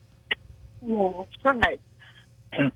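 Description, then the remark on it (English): A few short, harsh coughs from a girl, rough bursts with a throaty, voiced edge, spaced unevenly over a couple of seconds with brief quiet gaps between them. “Her coughing.”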